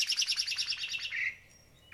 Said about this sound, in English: are you guys hearing birds chirping every once in a while? And another's my friend Tony Diaz, who listens to the iHeartRadio app, saying, "Oh, what's with the bird chirping?"